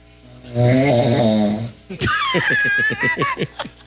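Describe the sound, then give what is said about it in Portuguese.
A loud recorded human snore with a deep, wavering drone on the inhale, then a rapid stuttering rattle of short pulses on the outbreath, heard alone without talk. “Vai colocar o ronco.”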